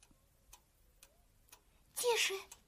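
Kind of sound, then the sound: household object, alarm clock ticking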